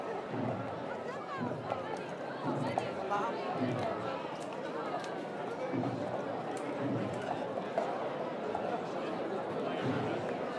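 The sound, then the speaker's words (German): Dense festival crowd chatter fills a busy street in Fornells, many overlapping voices at steady volume, with occasional scuffs and footsteps mixed into the constant hubbub. “Die Straßen werden immer voller. Heute ist gefühlt die ganze Insel zu Gast in Fornells.”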